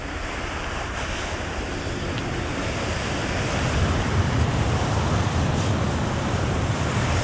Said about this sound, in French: Enregistrement tissu de la chaise, prise 1.